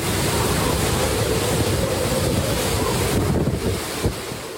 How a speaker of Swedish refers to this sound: Stormen slår mot kusten på den japanska ön Okinawa med 12 meter höga vågor. Vinden piskar och nästan välter träden i videon från nyhetsbyrån Reuters.